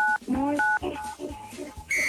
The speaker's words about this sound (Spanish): Apriétale 987 a tu teléfono. ¿El 987? Sí.